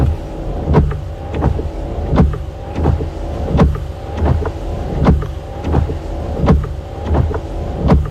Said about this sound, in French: Alors, on est un peu vache parce que ce sont des essuie-glaces à vide. Il n'y a pas la pluie dessus.